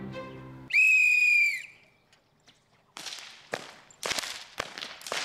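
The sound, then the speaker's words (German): A shrill whistle blast, then a brief pause, followed by a rapid series of loud, sharp whip cracks snapping roughly every half second, outdoors, with no talking, as children in Eschbach crack whips of elm wood made supple in water. “Inzwischen dürfen auch Mädchen mitknallen.”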